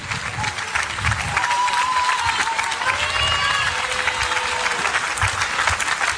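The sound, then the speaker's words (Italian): A crowd applauds a band invited to the front at a live show, with dense, continuous clapping, while cheers, whoops and a few high whistles rise above it throughout. “Vieni davanti e ci offrivi un applauso, come che se devi.”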